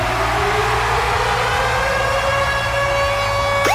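The Virgin Radio Ticket Alarm jingle: a loud siren wails alone, its steady, slowly rising tone layered over a constant low rumble, ending in a quick upward sweep like an alarm jingle.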